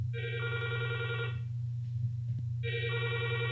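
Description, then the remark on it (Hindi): A telephone rings twice for the first incoming listener call to a phone-in programme, a call from Jabalpur; two bright electronic bursts separated by a short pause, clear over a steady low hum, with no one speaking. “तो चलिए सिलसिला शुरू करते हैं पहले फोन कॉल के साथ।”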